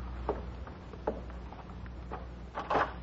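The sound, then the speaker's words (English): A door is opened, with a few soft clunks and clicks leading into a louder rattle of the latch near the end, with no talking. “I'll answer the door.”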